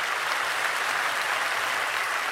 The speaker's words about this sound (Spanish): Dale fuerte ese aplauso a la palabra de Dios.